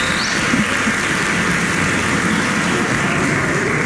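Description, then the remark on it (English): A church audience claps together for the fathers on Father's Day in a steady, dense wash of applause that holds at an even loudness throughout, with no voices rising above it. “So let's sort of clap for each other right now.”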